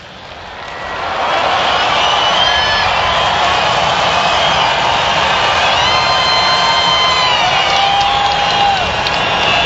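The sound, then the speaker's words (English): A large baseball stadium crowd cheers its all-star batter Hunter Goodman at a full count with two outs, swelling into loud, sustained cheering after a quieter first second, a dense roar of voices with scattered whoops and shrill whistles riding on top. “Pat Crowd gets behind their all-star.”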